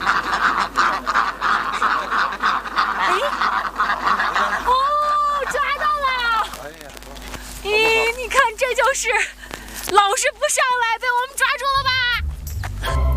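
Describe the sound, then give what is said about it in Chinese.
Ducks waddling home at dusk quack in a busy, overlapping chorus of nasal calls that comes in bursts after a quieter opening, fairly loud, over a steady outdoor background. “等了几个小时，天色渐晚，鸭子们摇摇晃晃地回家了。”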